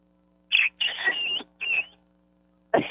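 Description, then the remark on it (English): On a show, a person mimics a bantam rooster calling the hens in and then crowing: a short high squawk followed by a long strained cry and a shorter final note, loud, with no speech. “And then he gives his crow.”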